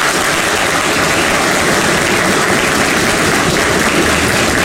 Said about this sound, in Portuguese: Nós o saudamos com uma salva de palmas.